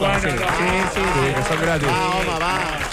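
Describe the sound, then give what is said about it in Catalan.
A crowd applauds steadily throughout to welcome a guest, the clapping blended with loud overlapping voices and cheers, sustained for the whole stretch. “un aplaudiment.”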